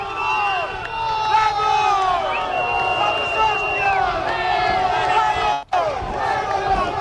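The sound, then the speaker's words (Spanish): A dense crowd of fans roars and cheers without pause as the team bus arrives behind protective barriers, many voices shouting and whooping over one another in a loud, sustained wall of noise that cuts out briefly near the end. “Ahora vais a escuchar sonido directo de cómo es un recibimiento desde dentro, prácticamente llegando las fuerzas de seguridad.”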